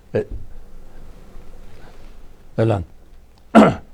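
A short, forceful sneeze bursts out, followed after a pause by two more loud, breathy explosive bursts, with low murmuring background noise in between.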